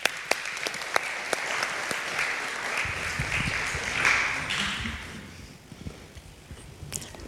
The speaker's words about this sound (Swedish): En applåd.